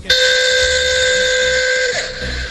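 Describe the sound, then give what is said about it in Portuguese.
A newly fitted taxi horn in Sorocaba sounds one long, loud, steady blast with a shrill, whistle-like tone for about two seconds, dipping in pitch as it cuts off. No one speaks. “A buzina que eu coloquei no meu táxi novo.”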